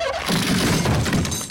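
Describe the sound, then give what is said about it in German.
An unsecured window is pried open with a quick, loud burst of cracking and splintering that lasts just over a second, a harsh, noisy wrench with no voices. “So schnell kann ein nicht gesichertes Fenster aufgehebelt werden.”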